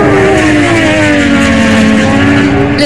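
Superbike racing motorcycle engines at the 2026 World Superbike Championship, including bikes from Chongqing maker Zhang Xue Motorcycles, scream loudly and steadily throughout, a dense high-pitched whine with slight rises and dips in pitch as the bikes rev, continuous with no voices.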